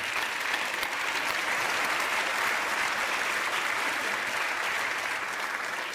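A crowd applauds steadily for several seconds, a dense, even wash of clapping from many hands that stays loud throughout without voices standing out.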